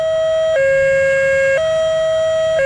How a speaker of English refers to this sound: The high-low system is much like what you hear in Europe, emitting a distinctive high-low tone from patrol cars, unlike the sound of other sirens. The message from Jeffco and Clear Creek, when you hear high-low, it's time to go.